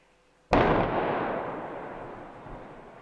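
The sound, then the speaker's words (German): A single powerful demolition blast goes off after a moment of quiet: the second, unplanned blasting of a section of the Talbrücke Ottfingen viaduct, which brings it fully down. Its sharp crack gives way to a long, rumbling roar and debris noise that slowly fades. No voices are heard. “Das Teilbauwerk der Talbrücke Ottfingen liegt komplett am Boden. Mit sechsstündiger Verspätung und einer zweiten, nicht geplanten Sprengung.”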